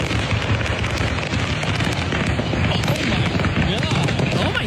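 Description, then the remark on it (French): Fireworks from a burning truck that was transporting them go off in traffic in a dense, continuous barrage: many rapid overlapping pops and bangs, loud, over a constant roaring rumble with no pause. “En fait, je te raconte, c'est un camion qui transportait des feux d'artifice qui a pris en feu.”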